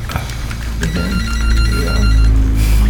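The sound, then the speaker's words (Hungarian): A telephone rings with a steady electronic tone as a caller phones in during a discussion, its bright repeated pulses standing out over a dense, noisy background, fairly loud. “Közben telefonálunk van.”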